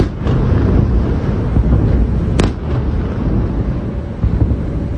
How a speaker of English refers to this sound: Sirens sounded just before midnight and were followed quickly by a number of explosions close to Kyiv.